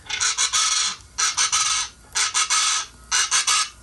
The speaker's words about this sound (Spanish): Qué bárbaras, chalacas, hoy. Dicen que cuando las chachalacas así se oyen es porque cuando las chachalacas cantan es porque dicen que va a llover.